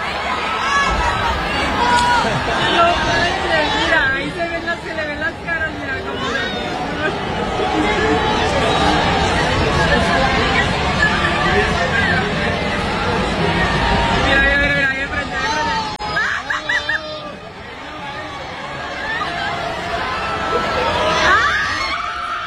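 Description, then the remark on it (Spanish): A dense, loud crowd of fans roars almost without a break on seeing a band, with high-pitched screams and excited cheering rising out of the steady babble of many voices. It dips briefly near the end, then swells again. “¿Quieres escuchar lo que captaron las fanáticas al momento de ver a … y reacciones, gritos y demás?”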